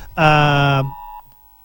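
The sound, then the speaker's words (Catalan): A phone's Civil Protection emergency alert warning of torrential rain sounds a loud, buzzy, harmonic-rich tone for under a second, followed by a faint, steady higher-pitched beep that lingers, with no one speaking. “L'aturem perquè s'està sentint, però que hem aprofitat per llegir-vos el que probablement a més d'una i a més d'un us està arribant ara mateix al mòbil.”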